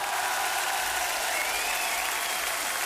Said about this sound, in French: Dans la famille Descamps, je vous demande d'applaudir donc le père éternel et le vrai cette fois, ….